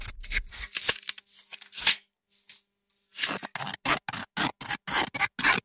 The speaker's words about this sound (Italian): le forbici come strumento musicale.